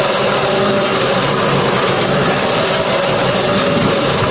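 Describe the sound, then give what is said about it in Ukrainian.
A Ukrainian unmanned ground robot vehicle's engine runs as operators test the new robot at a training ground, with a steady, loud drone, holding an even low hum and a broad rushing noise throughout, with no voices. “Оператори НРК обкатують своїх нових роботів на полігоні.”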